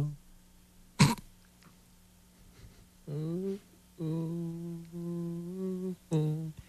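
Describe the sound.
After a sharp, throaty cough, a voice imitates a man semi-moaning in a single-stall bathroom with three drawn-out, low groans, the middle one longest and steadiest, the others wavering upward in pitch.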